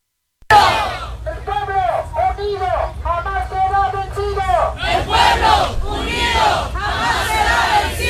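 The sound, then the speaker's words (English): A crowd of protesters shouts in rhythmic unison, repeating a short chant several times, then breaks into louder, ragged yelling over a steady low rumble. “Here's these twits that were protesting.”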